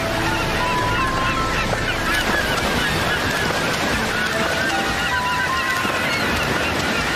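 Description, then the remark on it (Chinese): A dense chorus of harsh, honking calls of Cape gannets diving like missiles from above the sea after sardines, overlapping continuously, over a steady wash of ocean surf. The calls are loud and constant, with no individual voice standing out. “但他们并不是唯一喜欢吃沙丁鱼的捕食者，这种骚动也吸引了下方的鲨鱼，而海角唐鹅则从海面上跟随行动，如导弹一般俯冲下来追赶沙丁鱼。”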